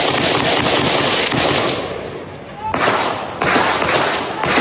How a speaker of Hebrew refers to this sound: בסביבות 7 בערב הוא יצא לרחובות שכונת קריית השרון כשהוא חמוש בנשק ארוך ופתח בירי. כשהגיעו למקום כוחות משטרה הוא ירה גם לעברם. כך זה נשמע.